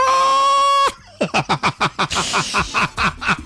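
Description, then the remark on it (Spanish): A person imitates an angry rooster calling a hen, with a fast burst of sharp, rising squawks and clucks, loud, right after a brief steady electronic tone. “¿Cómo llama el gallo a la gallina cuando está bravo?”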